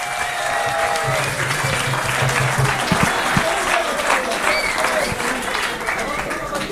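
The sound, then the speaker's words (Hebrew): Sustained audience applause for the coordinators fills the whole clip, a dense, steady clatter of many hands clapping at an even loudness, with a few faint voices and a brief low hum mixed in. “הרכזים, הרכזים הנפלאים, מגיע להם הרבה מחיאות כפיים.”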